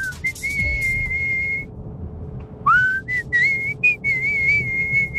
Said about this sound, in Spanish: ¿Te sale bien? En otra tonalidad, pero de que silbás, silbás.